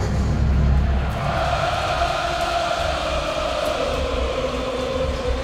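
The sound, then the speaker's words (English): A baseball stadium crowd in Los Angeles roars and cheers in the ninth inning, rising in support of batter Olson, in a steady, loud wash of noise that swells slightly after the first second and holds without a break. “Crowd giving it everything they've got. Rising in support of Olson.”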